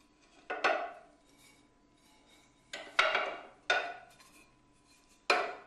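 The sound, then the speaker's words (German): Four parts of a casting mould for a small model (two large back and front pieces and two side pieces) being fitted together: several sharp clattering knocks, hard and bright, arriving in uneven bursts with quiet pauses between them and no talking. “Also ich habe hier eine Form zum Gießen des Modells, des Kleinmodells. Das sind 4 Teile, 2 große hinten und vorne.”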